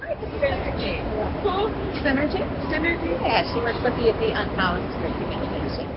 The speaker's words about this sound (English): Under vaulted ceilings decorated with gold leaf, travelers bustle towards trains and buses. Locals and out-of-towners shuffle across the white granite floor.